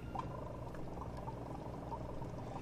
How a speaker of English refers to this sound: Step one, connect air pump to water chamber using silicone tubes. Position incandescent lamp 2 to 3 centimeters from water chamber. You turn on this lamp. You turn on the air.